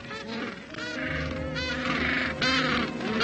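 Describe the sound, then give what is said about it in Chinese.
A crowd of penguins on a beach, back from feeding at sea and looking for mates, calling at once: harsh braying honks overlapping in a steady, loud chorus with no pauses and no talking. “冲上海滩的企鹅已经从海里觅食回来了。现在他们必须找到配偶，这并不总是那么容易。”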